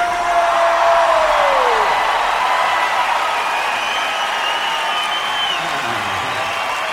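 A large crowd roars steadily, with dense applause and cheering sustained throughout at a loud, even level, plus a few whistles cutting through near the start.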